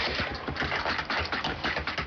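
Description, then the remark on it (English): Rapid, steady clatter of fingers typing code on a keyboard, fairly loud, with dense overlapping key clicks throughout and no voices; a blind systems engineer is typing. “After typing code, he verifies it by listening with a screen reader.”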